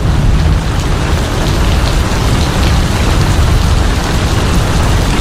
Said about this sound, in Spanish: Ahí está la lluvia. Esa es la lluvia a esta hora de la mañana. Acá desde nuestros estudios de la Radio Carnaval.